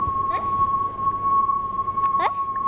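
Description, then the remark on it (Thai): A steady, fairly high electronic tone hums throughout from a loudspeaker being spun around by a teacher in a classroom demonstration of the Doppler effect; its pitch wavers slightly as it moves toward and away from listeners, while two brief rising whoops break in over a noisy background. “โอเคนะทุกคนสังเกตตอนที่ลำโพงวิ่งเข้าหาเรากับตอนที่ลำโพงวิ่งหนีเราลองสังเกตเสียงว่าต่างกันอย่างไรครับ มันจะดังกว่า ถ้าเกิดสูงกว่า”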